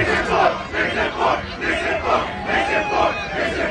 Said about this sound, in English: That's an aggressive chant. Being told they would have said Nixon 5, but they can't count that high.